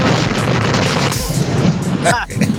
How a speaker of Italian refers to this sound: È esploso? Gli è esploso il camion?